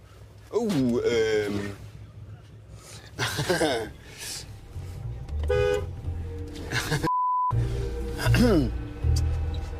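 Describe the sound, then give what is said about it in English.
A horn sounds in short honks over a steady low rumble of heavy traffic as a train nears a railroad crossing in Monterrey, Mexico, with voices talking throughout and a brief tone cutting in near the end. “There's a train coming.”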